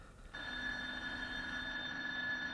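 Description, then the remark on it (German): An electric bell, ringing ten minutes late for the start or end of a lesson, starts ringing after a brief moment of quiet and keeps going without a break, a steady shrill tone with a fast metallic rattle underneath. Nobody speaks. “Es läutet 10 Minuten zu spät.”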